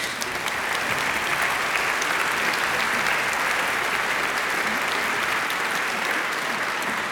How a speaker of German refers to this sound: Applaus.